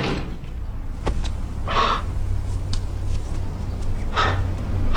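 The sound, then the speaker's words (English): A door swings open with two soft, breathy whooshes a couple of seconds apart, over a steady low rumble, with no knock beforehand and no one speaking. “Doesn't anybody knock anymore?”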